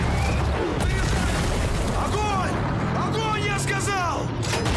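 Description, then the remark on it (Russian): A German Tiger tank cannon fires with a deep, sharp boom over a constant battlefield rumble, with brief blasts recurring amid voices shouting in the background. “Выстрел «Тигра».”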